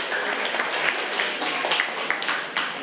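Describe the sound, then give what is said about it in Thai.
A group of children clapping together for the winning group of classmates in a class word game, in steady, dense applause that stays fairly even for about three seconds, with sharp individual claps poking through the overall patter. No one speaks over it. “11คำชนะนะคะปรบมือให้เพื่อนหน่อยค่ะ”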